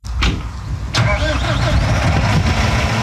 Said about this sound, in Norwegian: Endelig kan traktoren gå, og bonden får slå.